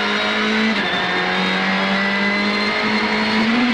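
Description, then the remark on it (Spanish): The engine of rally car number 400 roars steadily at full throttle as it climbs through a dry riverbed, a loud sustained drone with a strong low hum and bright harmonics, its pitch rising slightly toward the end, with no talking. “A 400 sube suave a fondo.”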